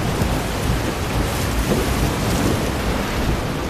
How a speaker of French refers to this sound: Je sais pas si le bruit des vagues empêche d'entendre, mais...